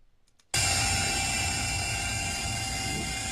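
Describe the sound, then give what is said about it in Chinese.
After a brief quiet moment, drone rotors suddenly burst into a loud, steady roar with a high buzzing whine, sustained as the drone lifts off at the Zhongzhou Road bridgehead over the Shayin River in Zhoukou on the morning of August 20, as experts inspect the levees. “8月20号上午，沙引河周口城区中州路桥头无人机轰鸣升空，来自中国水利水电科学研究院水利部减灾中心的专家们正在给多日浸泡在高水位中的堤防做体检。”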